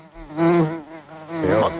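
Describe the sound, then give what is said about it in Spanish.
A housefly buzzes, a droning, whiny hum that swells louder twice as it circles, wavering in pitch, with no other sounds around it. “¿Mosca? Sí, sí, es una mosca.”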